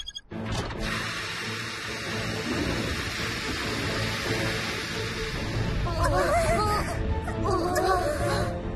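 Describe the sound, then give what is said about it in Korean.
Heavy, steady rain roars throughout a thunderstorm, with a low rumbling wash underneath; near the end a voice whimpers or cries out over the downpour. “구름이 너무 커져서 번개가 어디에서 칠지 모르겠어.”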